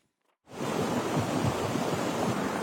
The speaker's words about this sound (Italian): È un fiume di fango quello che all'alba invade le strade di Lipari, ogni cosa viene travolta, decine le case allagate.